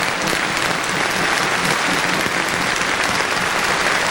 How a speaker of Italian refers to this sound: Io vorrei che voi faceste un applauso ai nostri tecnici e anche ai tecnici americani che ci hanno aiutato moltissimo.